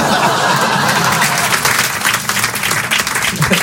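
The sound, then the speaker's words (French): An audience applauds steadily, many hands clapping in a dense, continuous wash of sound that stays loud throughout the few seconds. “Hein, mais elle, elle n'a pas applaudi.”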